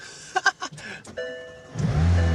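A few clicks and electronic dashboard chimes, then a McLaren sports car engine cranks and fires into a loud, deep, steady idle rumble.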